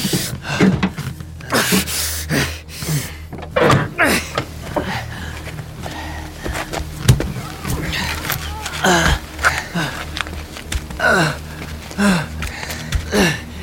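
Someone strains against a car door jammed by a collision with a moose, with repeated metallic clunks, rattles and jolts mixed with heavy gasping breaths and effortful grunts, no clear speech.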